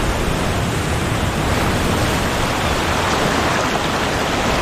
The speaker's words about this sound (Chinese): 海浪提供了完美的训练场，有助于海狗磨练快速逃生的技巧。冬季的海浪淹没了海岸线，海水带来了营养丰富的食物。